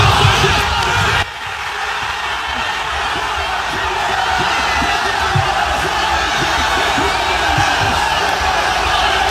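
A large crowd cheers, yells and screams continuously at the U.S. Capitol in Washington, D.C., celebrating the 250th anniversary, waving American flags and jumping up and down. A dense roar of many voices with scattered whoops rising above it, loud throughout with a brief dip near the start.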